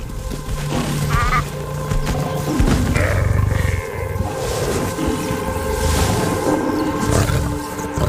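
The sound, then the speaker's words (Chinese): A lion roars, deep and loud, its rumbling growls rolling on almost continuously with a few surging peaks and no voices. “狮子是顶级捕食者，捕猎场面相当震撼。”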